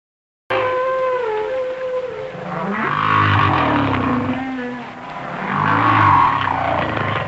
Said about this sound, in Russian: А вот звуки, издаваемые китами. Вначале голос гигантского горбатого кита.